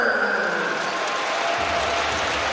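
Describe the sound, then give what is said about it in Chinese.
A large basketball arena crowd applauds and cheers for Tucker after he draws a foul, in a steady, dense wash of noise that holds at an even level for a few seconds, with no one speaking over it. “看看首先造成犯规，掌声送给塔克。”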